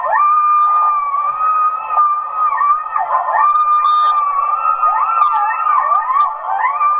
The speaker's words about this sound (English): And those are coyotes. I have heard them out in the woods and fields behind my house before, but I don't think I've heard gray wolves.